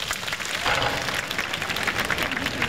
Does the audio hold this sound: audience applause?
yes